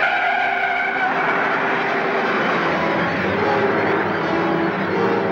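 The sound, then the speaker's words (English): A car roars away with tires squealing, the loud engine rush and skidding screech continuing steadily as it speeds off, with no voices. “They took your car. Come on, take mine.”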